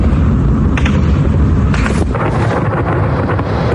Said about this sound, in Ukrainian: О, стріляють. Прикольно.